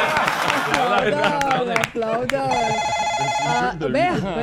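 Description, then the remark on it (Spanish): A telephone in a radio booth rings at 4 in the afternoon with no caller ID, in one steady, high, buzzing burst lasting about a second, cutting in over lively talking and background chatter that continue around it. “Vea, ¿quién llama a las 4 de la tarde, 43 y no hay identificador.”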